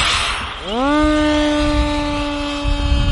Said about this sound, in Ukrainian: Перші пташки бійці запускають засвіта. Ці дрони мають відпрацювати по передньому краю та вже на поготові борти, які летітимуть значно далі.